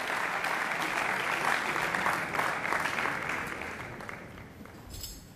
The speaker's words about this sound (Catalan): Doncs aquests aplaudiments el recullen …, aquesta banda que estem sentint des de la Marató de Jazz de l'Auditori de Barcelona.